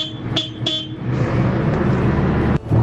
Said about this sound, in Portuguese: A buzina aqui é fraca, mas a máquina é grande. Ó lá, aí a buzina é fraca, mas a máquina é grande. Aí, ó.